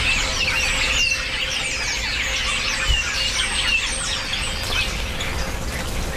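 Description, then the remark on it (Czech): A flock of birds calls over one another in a steady, busy chorus of high chirps, squeaks and squawks, continuous throughout with no talking, over a low constant hum. The birds are in a pasture, gathering insects around cows. “Já takhle zvednu mikrofon, protože věřím, že to bude slyšet.”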